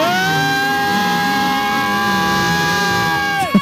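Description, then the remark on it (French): A crowd shouts and cheers to encourage arriving race runners in a dense, continuous roar, with a steady horn-like tone droning over it the whole time before cutting off near the end. “Plus fort, allez-y, allez, tout du bruit, allez-y, allez, on fait tous du bruit.”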